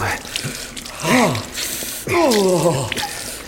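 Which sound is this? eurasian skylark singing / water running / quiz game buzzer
water running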